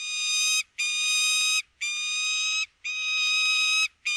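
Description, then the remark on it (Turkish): A peregrine falcon, recorded in Çanakkale, gives a series of harsh, repeated calls, four long rasping notes broken by short pauses, then the start of a fifth. The calls are loud, high-pitched and alone, with no talking. “Bu programda kullandığımız Gökdoğan sesini Mehmet Kıran Çanakkale'de”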